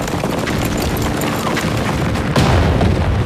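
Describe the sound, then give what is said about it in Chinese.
Continuous battle gunfire: a dense, loud clatter of overlapping shots and rumbling booms, with a heavier burst erupting near the end. No one speaks. “哪儿来的枪声？”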